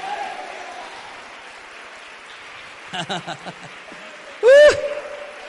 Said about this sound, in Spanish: Démosle un aplauso al Hijo de Dios.